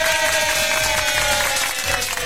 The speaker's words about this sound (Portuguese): Olha, palmas para a produção da Rádio Mais.